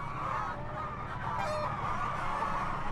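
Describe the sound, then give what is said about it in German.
A flock of hens in a mobile henhouse with a perforated plastic manure-belt floor, about to be mucked out, clucks and murmurs continuously in a dense, overlapping chatter, with occasional louder squawks rising above the steady background of poultry noise. “Die Hühner laufen auf so einem Boden”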